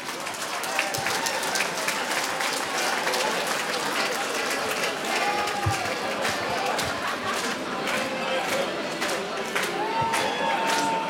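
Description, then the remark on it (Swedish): Sustained audience applause for a nominee at Årskogens Folkets Park, a dense wash of many hands clapping at steady loudness for about eleven seconds, with a few faint tonal whistles or cheers rising above it. “En stor applåd till”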